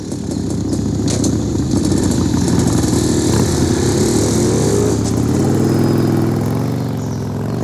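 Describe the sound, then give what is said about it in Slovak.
Loud motorcycle engines rumble and rev, the throaty roar rising and shifting in pitch as the riders pull off and ride away, with no voices over the steady mechanical noise. “To tí motorkári?”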